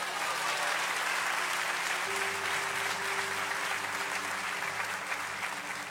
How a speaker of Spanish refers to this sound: Den un aplauso a Dios.